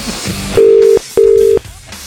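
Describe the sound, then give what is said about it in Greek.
A telephone ringing tone sounds twice in quick succession, each a steady, loud electronic beep lasting under half a second, with a short gap between and no voices. “Δεν παίρνει σωστά τα τηλέφωνα.”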